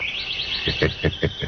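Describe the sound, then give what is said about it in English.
A sparrow chirps in a quick, steady run of high, thin twitters, with a few stronger, regularly spaced notes toward the end. The sound is moderately loud and alone, with no talking. “Yes, I agree with you, Mr. Sparrow.”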